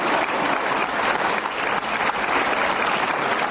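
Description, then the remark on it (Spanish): Young men and women of the Jesus Army applaud one another, many hands clapping at once in a continuous bright wash of sound with no clear individual rhythm, sustained at an even loudness throughout. “Si ¿Sí ve cómo se aplauden entre ellos, ¿no?”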